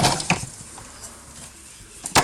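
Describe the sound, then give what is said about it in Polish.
A used coffee capsule drops into the container of a capsule coffee machine after its lever is tilted back: a short plastic clack early on, a quiet stretch, then a sharper, louder clatter near the end, with no one talking. “I było słychać, że coś tam faktycznie wpadło.”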